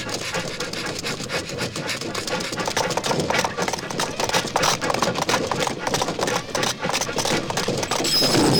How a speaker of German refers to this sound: der entgleiste Zug rast durch den Sand weiter. Lucky Luke reitet hinter dem Zug her und springt von seinem Pferd auf die Lok